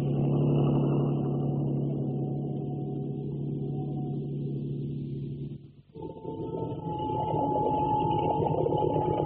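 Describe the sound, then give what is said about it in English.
A motorboat engine on a river drones steadily at low throttle, headed upstream against the tide with its lights out, a thick rumbling hum with layered tones. It briefly drops out before picking back up at a slightly higher, brighter pitch. No one speaks. “Keep her headed upstream. Just enough throttle to hold against the tide.”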